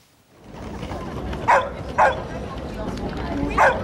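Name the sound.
dogs barking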